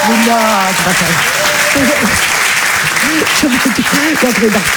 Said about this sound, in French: Allez, applaudissez-la, très fort, Mado la niçoise.